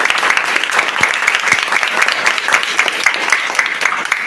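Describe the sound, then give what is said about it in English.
A steady round of clapping from a group in a Primary 4 classroom during a computer-parts quiz, dense and fairly loud, with many overlapping hand claps sustained evenly for several seconds. “B, monitor! Round of applause.”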